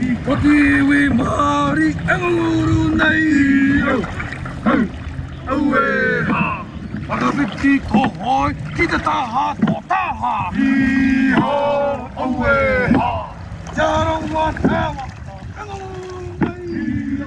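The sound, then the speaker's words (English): Paddles of a waka canoe crew splash into water in a steady rhythm as the crew strokes together, partly masked by loud voices calling and chanting over them throughout. “So ideally you're looking at all the hoi, the paddles, enter the water at the same time and they exit at the same time.”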